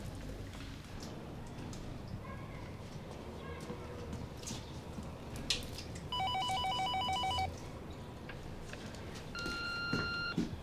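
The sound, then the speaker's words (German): A telephone rings with a rapid, trilling electronic bell in two bursts, the second briefer, over a busy, noisy background with faint muffled voices. “geh bitte ans Telefon. Ich weiß, dass du da bist.”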